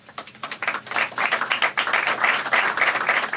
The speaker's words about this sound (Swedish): Applåder och handslag i FN-högkvarteret alldeles nyss.